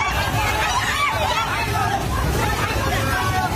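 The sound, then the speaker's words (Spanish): A crowd of people shouting and crying out in terror, overlapping continuously over a loud, steady rushing roar of a flood torrent of water, earth and mud near the Himalaya that swept away homes, cars and trees. “Este es el sonido del terror de la gente ante el torrente que ha arrasado en muy poco tiempo viviendas, coches, árboles y que ha dañado infraestructuras de todo tipo, carreteras, puentes, centrales hidroeléctricas, y va arrasando con todo lo que”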